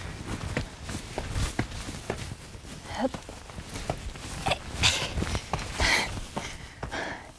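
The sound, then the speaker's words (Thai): Steady footsteps crunch along at a walking pace, moderately loud, with a few sharper scuffs and rustles mixed in as someone walks over rough ground, exploring a path that seems to continue onward. “ยังไงขอไปสำรวจก่อนฮึบเหมือนมีทางไปต่ออีกอะเดินดูก่อนนะ”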